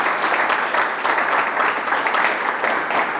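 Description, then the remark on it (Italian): Steady applause from a group, a dense crackle of many hands clapping at once that holds at an even, fairly loud level for a few seconds with no voices over it. “Una ragazzina un po' timida, sì, si parlava di sport, però insomma, e invece adesso devo dire che sei veramente esplosa nel senso positivo del termine, quindi ti faccio un applauso veramente.”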